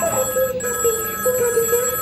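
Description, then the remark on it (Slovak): A telephone rings continuously with a steady electronic trill, fairly loud, filling the whole short stretch with no talking. “Nemám dvíhať telefóny, počuješ?”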